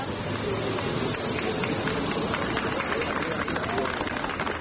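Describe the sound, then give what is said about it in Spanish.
A group of people applauds steadily as 14 Spanish evacuees from a virus-affected cruise ship arrive at Hospital Gómez Ulla in Madrid, a dense stream of many hands clapping with voices mixed into the sustained, fairly loud noise throughout. “Sonido de su llegada al hospital, donde eran recibidos entre aplausos por un grupo de personas.”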